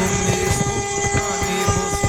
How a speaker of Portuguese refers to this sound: Ó, não é só, ó, é caminhoneiro, é taxista, é todo tipo de gente buzinando.